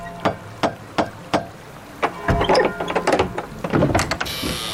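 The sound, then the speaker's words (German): Four sharp, evenly spaced knocks from a heavy door knocker on the door of a house, followed by a busier stretch of clattering and metallic handling sounds before a hiss of noise at the end. “Eine Klingel gibt es nicht. Wir sind in der Vergangenheit. Da gibt es nur Türklopfer.”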